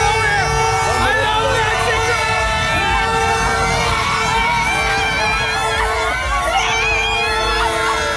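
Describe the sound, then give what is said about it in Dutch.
A dense, loud crowd of Mexican fans screams and cheers without pause as host country Mexico qualifies for the round of 16, while several horns toot and blare over them, their steady tones overlapping throughout. “Ja, hij werd helemaal ondergespoten met een soort nepsneeuw en kon geen woord meer uitbrengen door alle enthousiast schreeuwende fans daar.”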